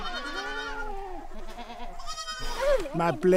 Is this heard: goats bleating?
yes